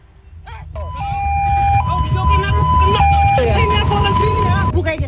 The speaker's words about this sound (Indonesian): Pelaku nekat menendang ambulans hanya karena tidak terima dengan suara sirine saat petugas hendak menjemput pasien.